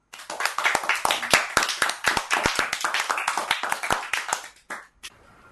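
A group of children clap together after a poem about honesty is recited, a steady burst of quick, sharp claps lasting several seconds, fairly loud, then it trails off into a quiet pause.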